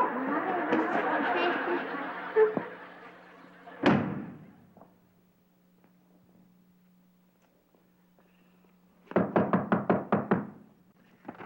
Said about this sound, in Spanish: Te pego con este ladrillo. ¡Mira!